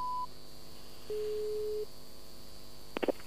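A telephone tone after a dropped call: a short high beep, then a steady electronic tone lasting under a second, followed by silence and a few quick clicks. No one speaks.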